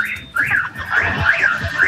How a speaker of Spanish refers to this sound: Está buena la bocina. Ay, ay. Ahí le pegué otro bocinazo, ¿viste?